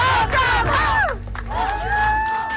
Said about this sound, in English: A surprise celebration in Stratford, PEI, where a big crowd turned out for an emotional homecoming.